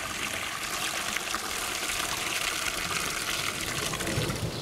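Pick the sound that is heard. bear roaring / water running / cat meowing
water running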